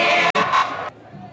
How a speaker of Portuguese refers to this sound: A torcida do Guarani tá gritando timinho pra torcida, pro time da Caldense, porque o camisa 6, o Jadson, tava ali sentindo cãibras.